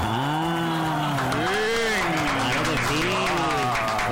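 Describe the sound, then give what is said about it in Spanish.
Steady applause from a crowd fills the background for a few seconds on the radio programme Plenitud, 90.9, while a voice rises and falls over it, loud. “Se escuchan en Plenitud el aplauso, que son 6 años y lo lleva con virtud.”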